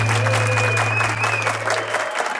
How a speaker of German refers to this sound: Uiuiui, nein, ja, es ist ein eingespielter Applaus, aber er kommt das auch von außen.